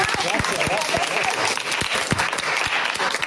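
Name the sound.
applause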